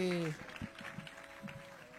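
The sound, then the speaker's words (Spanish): A brief burst of audience applause, a scattering of hands clapping unevenly and fairly softly, following a short held vocal tone at the very start. “¡Un fuerte aplauso!”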